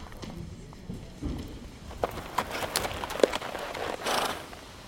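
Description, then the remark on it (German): A horse's hooves clip-clop at an unhurried walk on a moor as Magrat dismounts and lets it go, with several uneven thuds over a low, rumbling outdoor background. “Magrat steigt vom Pferd und lässt es laufen.”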